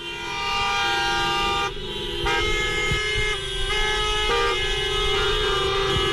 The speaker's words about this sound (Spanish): Algunos lo hacen a pie, pancarta en mano, con el lema que se cumpla la ley. Otros montados en sus taxis, más de 50, que hacen sonar sus bocinas.